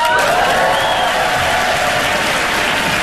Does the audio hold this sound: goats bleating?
no